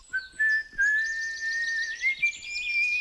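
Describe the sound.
A person whistles a clear, sustained note that slowly slides upward, steady for about three seconds, with faint soft knocks and rustles underneath and no talking.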